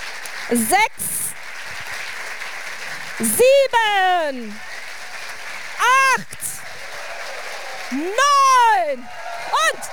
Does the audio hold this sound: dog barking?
no